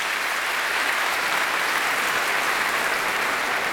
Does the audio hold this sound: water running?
no